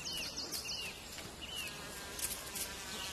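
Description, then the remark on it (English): A steady, continuous hum of bumblebees buzzing outdoors in an area kept for wildlife, fairly soft and unbroken, with faint high chirps flickering in the background and no one speaking. “You can hear the buzzing.”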